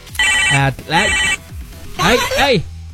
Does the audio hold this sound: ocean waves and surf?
no